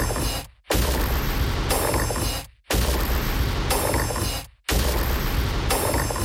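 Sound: ticking clock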